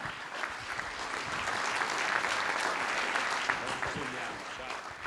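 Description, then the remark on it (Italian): Steady applause from an audience welcoming the president of the Liguria Region, Marco Bucci, a dense wash of clapping that holds at a constant level for several seconds, with voices faintly audible underneath. “Un saluto e un benvenuto e un grande applauso anche al presidente della Regione Liguria, Marco Bucci.”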